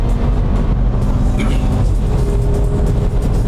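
A car driving hard at 126 on the Hangar Straight of a wet track, with a loud, steady roar of engine and road noise and a broad hiss like tyres on a wet surface, no voices.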